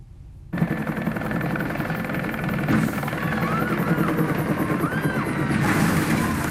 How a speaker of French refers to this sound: Il y a un engrenage de la boîte de transmission qui tourne pas à la bonne vitesse. Sur un dauphin, il devrait tourner à 1730, là je l'entends à 1680. Vous allez me dire que vous entendez une différence de 50 Hz? Ben, je la vois aussi.